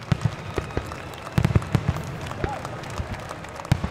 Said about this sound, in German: Heute ist das Duisburger Hafenfest ein Riesen-Event, eine große Kirmes mit lauten Fahrgeschäften und bunten Buden, aber auch mit Live-Musik und einer Schiffsparade mit beleuchteten Booten. Und natürlich gibt es als Höhepunkt auch ein Feuerwerk.